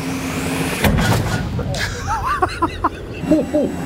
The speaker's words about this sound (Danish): Og skal vi så ikke lige finde ud af, om de rent faktisk får skudt med sådan en... tank. Hør den. Du må skyde. Jeg skyder!